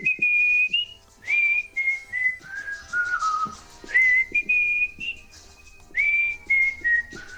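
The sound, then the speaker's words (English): A man whistles along to a song, clear sustained notes sliding between pitches in short melodic phrases with brief pauses, no talking. “He was singing along to, or whistling along to that song.”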